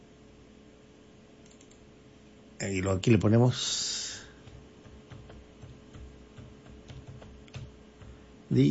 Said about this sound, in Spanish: Ah, bueno, le pongo acá, acá le tecleo.